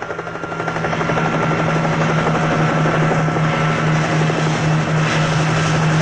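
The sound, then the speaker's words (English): A helicopter called in to search San Francisco Bay for Morris and his two accomplices drones loudly and steadily overhead, its rotor chopping in a fast, even pulse with a low engine hum beneath, building up in the first second and then holding constant. “now the helicopter is called in because we're going to search San Francisco Bay to see if Morris and his two accomplices made it or not.”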